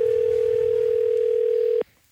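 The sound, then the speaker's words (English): A single steady, mid-pitched international telephone ringing tone, from a call to a phone in Thailand, drones for nearly two seconds over faint line hiss, then cuts off abruptly. “That sounds like an international ring.”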